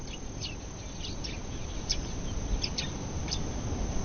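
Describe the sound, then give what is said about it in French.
Scattered short bird chirps and calls ring out intermittently over a steady, broad outdoor background hiss and low rumble, with no one talking; recorded during the daytime in the dry season. “Donc, on voit effectivement qu'il y a encore une activité biophonique qui est caractérisée par des chants d'oiseaux.”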